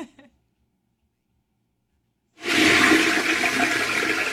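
A toilet flushes with a sudden loud rush of water that starts after a couple of seconds of silence and keeps roaring steadily, with a faint brief sound at the very start.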